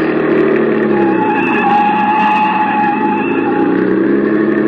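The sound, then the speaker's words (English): A car engine roars at high speed, loud, with tires squealing through fast corners in a continuous, unbroken rush of noise as the driver tries to shake a car following behind. No voices. “Hit the gas a little harder. See if you can shake that car behind us.”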